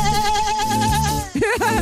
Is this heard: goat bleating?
yes